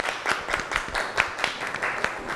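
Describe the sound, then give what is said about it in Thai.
A small group claps steadily for a student's presentation of a macaron dessert menu, dense overlapping hand claps at moderate volume, with faint murmuring voices underneath. “ขอเสียงปรบมือให้เจ้าของเมนูมากรองหน่อยครับ”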